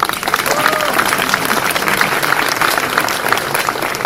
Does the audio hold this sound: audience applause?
yes